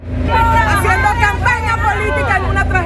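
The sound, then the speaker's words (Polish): A dense, angry crowd of many overlapping voices clamours loudly and continuously throughout as police hold it back during acting president Delcy Rodriguez's visit to a badly destroyed district of Caracas, with a low rumble of traffic underneath. “Gdy pełniąca obowiązki prezydenta kraju Delcy Rodriguez odwiedziła jedną z najbardziej zniszczonych dzielnic Caracas, policja powstrzymywała tłum oburzonych ludzi.”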